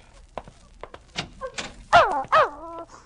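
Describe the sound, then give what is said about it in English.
A dog whimpers and whines in two high, wavering bursts after a few soft thumps and scuffs; no one speaks. “Now put that gun down, Walter. Let the dog in. Go on, let him in.”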